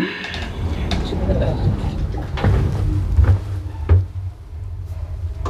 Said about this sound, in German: Tür schließt.